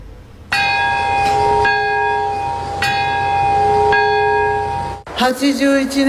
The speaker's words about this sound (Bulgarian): В парка на мира се проведе възпоменателна церемония, участниците в която запазиха минута мълчание в 11 часа и 2 минути местно време, точният час в който избухва атомната бомба. Прозвуча и камбаната на мира.